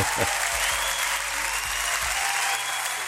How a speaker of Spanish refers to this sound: Pero es el día suyo también, pues sí, porque le vamos a dar un aplauso a todos los que están en sintonía, ¿eh?